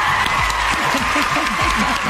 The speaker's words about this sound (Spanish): Aplausos a mi comadre. ¡Aplausos!